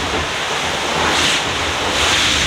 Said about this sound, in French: Ça, c'est quand on se plante un peu, mais pas trop fort. Donc c'est une vague qui passe par-dessus le pont.